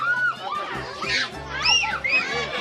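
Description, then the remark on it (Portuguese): Children running, jumping and playing in the Parque da Ciência, a large open-air area of the Museu da Vida Fiocruz, with a steady wash of overlapping young voices, high excited shouts and squeals rising above the busy chatter throughout. “Escute só, é o som da criançada correndo, pulando e se divertindo no Parque da Ciência.”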